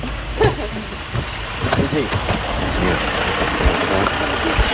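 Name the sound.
car engine running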